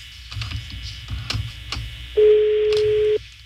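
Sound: telephone ringing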